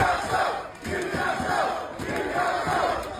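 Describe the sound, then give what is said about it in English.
A large crowd of Newcastle Knights supporters roars and chants "Newcastle" in unison at the moment of victory, voices rising and falling in loud rhythmic waves with a dense, continuous wall of cheering and no individual speech. “passionate night supporters, cheering, clapping, jumping up and down, screaming Newcastle over and over at the moment of victory”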